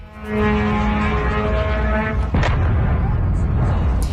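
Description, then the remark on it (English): An Iranian Shahed drone's steady, buzzing engine drone gives way to a single loud explosion as it hits a warehouse in the port town of Al-Shuabia, Kuwait, followed by a heavy, lingering rumble with scattered crackles. “An Iranian Shahed drone explodes after hitting a warehouse in the port town of Al-Shuabia in Kuwait.”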